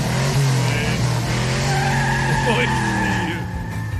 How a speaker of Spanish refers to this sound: Sí, va de 300, va de 0 a 300 en 10 segundos. Suena tu carro, güey. Le hace falta el cambio de aceite, güey. Sí. Se anda ahogando, menso. Sí, también el carro es que lo aceleré muy gacho.